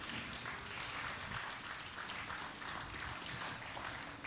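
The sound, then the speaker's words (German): At an event of readings about the book burning, a crowd applauds steadily to thank two organizers, dense overlapping claps forming a continuous, fairly loud wash of sound that holds level for several seconds with no speech over it. “Das ist euer Applaus.”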